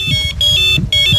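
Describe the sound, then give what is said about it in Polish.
An electronic fishing bite alarm sounds loud, signalling a fish bite while fishing at Malina, emitting high-pitched warbling beeps in three quick bursts with brief gaps, over a low rumbling background. “A, to był ten sygnał, który oznacza, że coś się dzieje, tak?”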